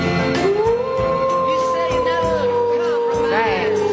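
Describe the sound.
A person imitates a wolf howl with one long, sustained vocal wail that holds steady, then slowly sinks and wavers near the end, loud.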